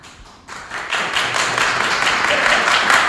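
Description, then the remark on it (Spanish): An audience breaks into applause, voting by applause for José Mourinho to return to Real Madrid, starting sparse and quickly swelling into dense, steady clapping that holds loud and even to the end, with no voices on top. “¿Quién sí quiere, tiene que aplaudir, que vuelva José Mourinho?”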